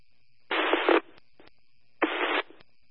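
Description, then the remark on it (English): Two short bursts of harsh emergency dispatch radio static, each about half a second long, separated by sharp mic clicks and a faint steady hiss in between, with no intelligible voice coming through. “Just getting mic clicks and static.”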